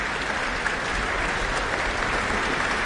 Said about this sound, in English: And it's them that is being acknowledged now by the conductor, Elena Schwartz. She's pointed up at them, brought them to their feet. They're responding to her with applause themselves.